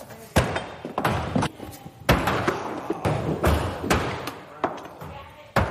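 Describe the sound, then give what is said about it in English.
Thrown axes thud into a wooden target again and again, a series of loud, sharp impacts at irregular intervals, with indistinct voices murmuring in the background. “We have 100% stick rate. Everyone will stick their axe before they walk out that door.”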